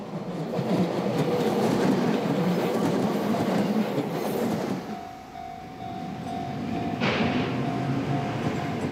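A train rumbles past on tracks that run through front gardens and along house walls in a small-town residential area in Japan. It is loud and steady with a rolling low roar, then eases off as a faint high squeal rings out and the noise swells again. No one speaks.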